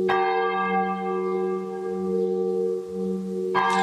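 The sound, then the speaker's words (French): A large church bell peal winding down, a long, sustained resonant hum that slowly fades, heard loud from inside the church's south bell tower, with no voices. “Voilà, c'est la volée qui se termine.”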